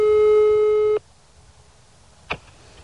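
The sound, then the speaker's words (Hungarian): A steady electronic telephone ringing tone from a call to the mayor of Tiszanagyfalu sounds loud for about a second, then cuts off into near silence broken by a brief soft click. No one speaks. “többször kerestük Rudolf János Ferencnét, Tiszanagyfalu polgármesterét telefonon”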